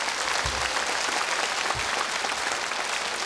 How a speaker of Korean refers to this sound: 여러분 다시 한 번 더 박수 부탁드립니다.